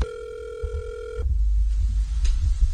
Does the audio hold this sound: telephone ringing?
yes